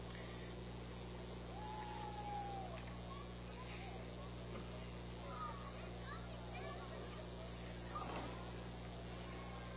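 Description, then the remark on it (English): A 348 big-block V8 engine in a 1960 Chevrolet Impala is revved, rumbling with a deep, steady drone, while a crowd chatters in the background and a few voices drift through. “Letting the engine sing a little bit here,”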